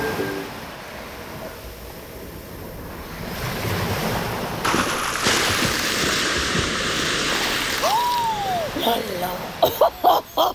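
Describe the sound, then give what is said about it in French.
Ocean surf rushes steadily while someone surfs, then a wave at least 20 meters high swells and crashes about halfway through into a loud, sustained splashing wash, with a few short bursts and a faint voice-like sound near the end. “Je surfais tranquillement et puis il y a eu cette autre vague là.”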